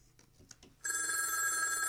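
After a brief stretch of faint, soft noises, a telephone bell bursts into a loud, sustained metallic ring that fills the rest of the moment, unbroken.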